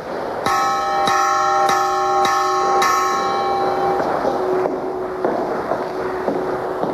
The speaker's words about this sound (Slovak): Zvon z druhej polovice 17. storočia vyrobený v Prešove.